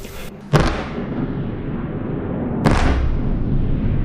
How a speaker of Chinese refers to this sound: 8号凌晨，基辅市再次响起多次强烈爆炸声。乌空军3:40至42在社交媒体发布多条预警信息，称俄军多枚弹道导弹正向基辅市方向飞来。